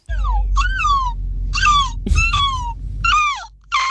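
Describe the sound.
A listener imitates a seagull as an entry in a seagull-imitation contest, with about five shrill, squealing cries, each sliding downward in pitch, spaced unevenly over a steady low rumble of background noise.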